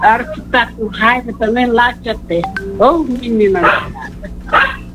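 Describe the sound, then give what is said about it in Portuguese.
A dog named Pitoca barks and yips in a string of short, loud, high-pitched bursts, with a few longer whiny calls in between. “Você latiu três vezes.”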